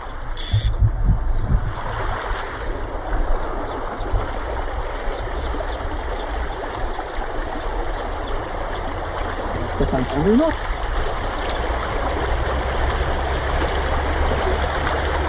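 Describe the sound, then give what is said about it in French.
Steady rushing stream water fills the whole recording with a constant wash during trout fishing on a stream, and a faint voice briefly surfaces beneath it near the end. “Pour un ruisseau, c'est déjà des jolies truites.”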